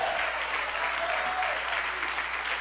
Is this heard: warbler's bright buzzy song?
no